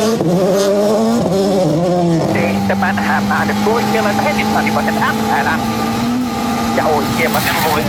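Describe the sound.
A loud rally car engine, Pagliari's Finnish car with co-driver Marcos Salminen, revs hard, its pitch climbing and shifting as it roars past, with crowd noise and voices talking over it throughout.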